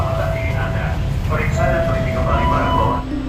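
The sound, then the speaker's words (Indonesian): Busy KRL commuter train station platform ambience as passengers come and go, crowding and queueing to board and leave carriages: a steady low rumble of rail machinery with a faint electric whine, mixed with indistinct crowd chatter, continuous and fairly loud throughout. “Peron stasiun menjadi saksi penumpang silih berganti, datang dan pergi.”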